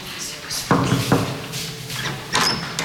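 Two sharp knocks, about half a second apart, on the door of a room named after the marten, one of several rooms named after animals, followed by rustling movement and a soft background hiss.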